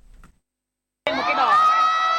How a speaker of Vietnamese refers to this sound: Sân khấu rực sáng, những giai điệu trẻ trung hòa cùng tiếng reo hò của hàng chục nghìn khán giả. Quảng trường Nhân dân tỉnh Lai Châu trở thành điểm hẹn âm nhạc sôi động trong đêm nhạc hội Viettel Wifest năm 2026.